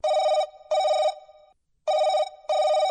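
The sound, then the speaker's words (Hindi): A telephone rings for an incoming listener call to the radio phone-in program Aapke Phone Aapke Geet, two pairs of bright electronic trills separated by a short pause, loud with no voices over it. “आइए कार्यक्रम की शुरुआत करते हैं इस फोन कॉल से।”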